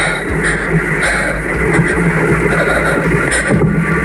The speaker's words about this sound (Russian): Гляди, беспилотник. Еще летит.